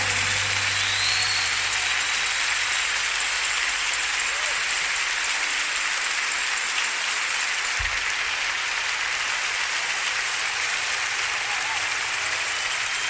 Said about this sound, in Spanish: aplauso más fuerte, hermano.